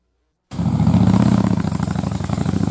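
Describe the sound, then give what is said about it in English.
A motorcycle engine starts up suddenly after a brief silence and runs loud, with a throaty, pulsing rumble and slight revving surges. “inviting you to the Lansing Liberty Motorcycle Rally happening June 11th through the 14th in beautiful Lansing, Iowa.”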